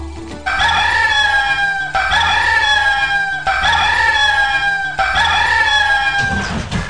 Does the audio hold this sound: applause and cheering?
no